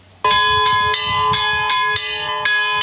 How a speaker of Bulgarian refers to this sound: Камбанен звън събуди жителите на Нови Искър в неделния ден, който днес е особено празничен. Това е празника на църквата, това е Петдесетницата, раждането на Христовата църква.